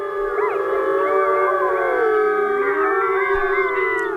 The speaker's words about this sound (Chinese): 有人认为这此起彼伏的狼嚎其实是为了造势，让对手无法判断狼群成员的数量。在外来的入侵者听来，这仿佛就是在警告他们，整个狼群早已严阵以待。